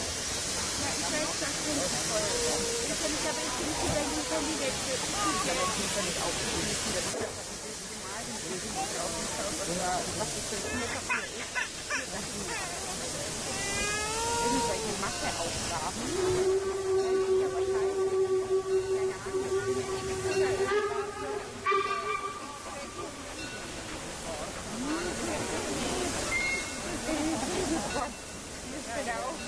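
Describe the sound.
A steam locomotive hisses loudly and continuously for the whole stretch, a dense rushing roar of escaping steam, with brief tonal squeals partway through and indistinct voices in the background.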